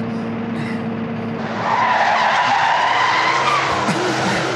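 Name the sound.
car pulling up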